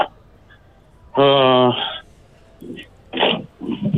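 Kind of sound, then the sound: animal, dogs barking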